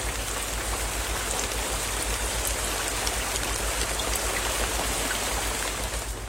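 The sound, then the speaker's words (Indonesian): Steady rain pours down continuously on a village, as it has for weeks, a dense, even hiss of drops drumming on surfaces with a low rumble underneath, fairly loud, with no voices. “Sudah beberapa pekan ini hujan terus mengguyur desa kita ya, Pak.”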